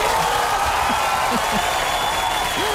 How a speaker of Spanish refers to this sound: Nuestro aplauso, nuestra enhorabuena.